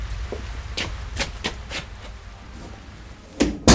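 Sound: door opening and closing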